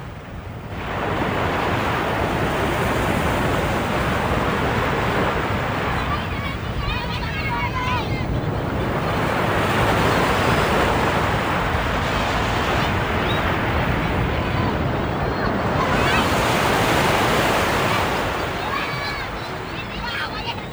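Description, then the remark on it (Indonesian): Steady ocean surf rolls onto a beach in broad, continuous washes that swell and recede every several seconds, fairly loud, with a breezy hiss and no voices. “Merasa terhibur, Nalalu Mone Ari membawa perahu itu bermain di tepi pantai yang tidak jauh dari rumahnya.”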